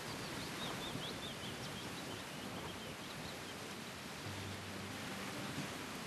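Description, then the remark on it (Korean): Faint, scattered bird chirps rise over a steady wash of rustling bamboo leaves blowing down like snowflakes, at a caravan site on a steep hillside; the chirps are clearest early on, with no one speaking. “대나무 잎이 막 이렇게 눈꽃처럼 날리는 그런 광경하고 그 새소리를 들으면서 이게 너무 좋은데 이게 우리 할아버지가 저한테 주시는 선물이구나.”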